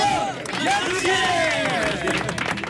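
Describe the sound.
An audience applauds with steady, dense clapping for a few seconds, mixed with crowd voices and cheering that rise and fall throughout.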